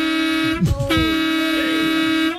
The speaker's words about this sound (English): I would rather hear that horn again